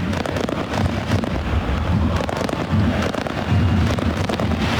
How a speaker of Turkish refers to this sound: Bir havai fişek gösterisi de var tabii ki şu an. Sesleri siz de duyuyorsunuz.